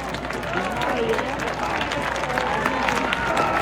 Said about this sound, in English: And all of a sudden, it's 1-2, and the crowd has some life clapping along.